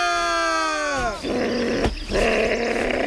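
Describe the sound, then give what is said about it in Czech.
A fox gives a high, tonal whine that slides downward, then breaks into a harsh, raspy growl that rumbles on loudly, pausing briefly before resuming. “Moc na mě nevrč, potvůrko.”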